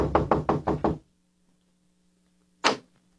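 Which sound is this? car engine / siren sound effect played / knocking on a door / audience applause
knocking on a door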